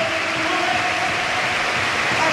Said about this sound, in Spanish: Los aplausos para el irlandés.